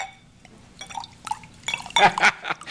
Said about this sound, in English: And a day or so later, I found him doing a very convincing thing. He was pouring out bottle after bottle from his private liquor stock into the sink.